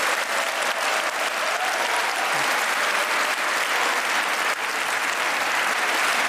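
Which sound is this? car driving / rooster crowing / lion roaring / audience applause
audience applause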